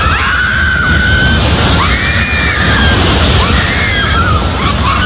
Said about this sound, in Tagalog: maririnig ang sigawan ng mga tao habang niyayanig ang General Santos.